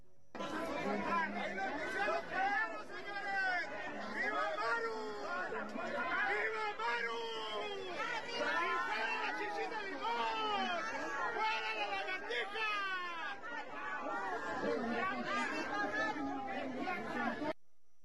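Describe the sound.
A protest crowd supporting the governor shouts outdoors, outside the federal prosecutor's office (FGR) in Chihuahua, Mexico, many overlapping voices yelling and calling out at once in a loud, continuous roar of raised voices that holds steady for the whole stretch.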